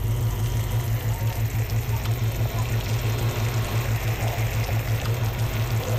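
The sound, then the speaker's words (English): Sugar sizzles and bubbles steadily in a pan over medium to medium-low heat as it caramelizes, a continuous crackling texture with a low, pulsing hum beneath it and no talking. “Here's a little sugar sizzling ASMR.”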